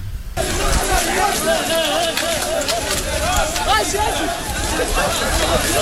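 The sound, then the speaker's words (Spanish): A crowd of people running toward a port amid a loud, continuous commotion of overlapping shouts and voices, with hurried movement blending into the dense babble for several seconds. “Fíjate cómo se les oye correr.”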